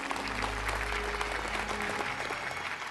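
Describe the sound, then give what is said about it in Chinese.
Sustained applause from an audience at a grand ceremony of the Weixin Shengjiao religious order, a dense steady patter of many hands clapping at even loudness for the full length, with no voices over it. “以上，请大家热烈鼓掌。”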